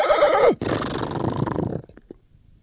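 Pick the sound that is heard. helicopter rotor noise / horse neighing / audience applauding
horse neighing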